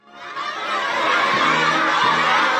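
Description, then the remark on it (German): A crowd of children cheers and shouts together in front of the Great Hall of the People in China, during the welcome for US President Donald Trump's state visit with Xi Jinping, a dense, high-pitched roar that swells up quickly and stays loud and steady throughout. “Rote Teppiche, Blasmusik, jubelnde Kinder vor der großen Halle des Volkes.”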